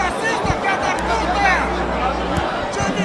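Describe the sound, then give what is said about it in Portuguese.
A large crowd of Brasil football club fans shouting and chanting together, swearing at anyone not in their club's black and red, at halftime of a match against Gaúcho; a dense, steady roar of overlapping voices with a low rumble underneath, loud throughout the few seconds. “Ah, a torcida do Brasil tá aqui carinhosamente xingando toda e qualquer pessoa que não seja preto.”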